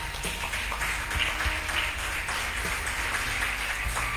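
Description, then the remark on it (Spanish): A crowd breaks into sustained applause given for Jesus, many hands clapping in a dense, steady wash of sharp claps for several seconds with no talking over it. “Denle un aplauso a Jesús por eso, hermano.”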